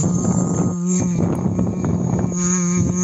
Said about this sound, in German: ist einfach nur eine Plastikflasche mit einem dicken Schlauch drinne und man macht die Flasche ein Drittel mit Leitungswasser voll und dann blubbert man hinein, aber in summender Art und Weise, das hört sich dann ungefähr so an.